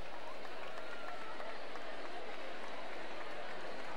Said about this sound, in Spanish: Un aplaudiment ben fort a la colla bastonera.